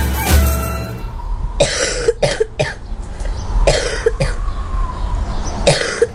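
A child coughs repeatedly in short, harsh bursts, several coughs spaced across a few seconds, fairly loud with a faint background hum.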